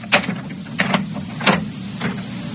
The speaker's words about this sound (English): Lock that door, will you?